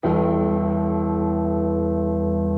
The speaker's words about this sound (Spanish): La campana nos marca las 7 de la tarde, 9 minutos.